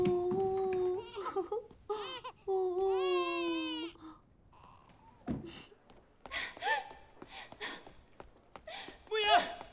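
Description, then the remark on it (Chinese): A newborn baby with a red butterfly-shaped birthmark on its hand cries in loud, wavering wails with strong harmonic rises, pausing briefly between bursts, while adult voices murmur soothingly in the second half. “哦，宝宝宝宝，哦，不哭不哭，哦。”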